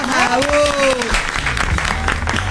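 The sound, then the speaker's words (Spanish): Steady, dense applause fills the whole stretch, loud and continuous, with a voice shouting or cheering over it in a long rising-and-falling call during the first second. “Fuerte el aplauso”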